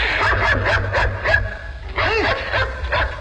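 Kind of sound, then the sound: animal, dog barking and yipping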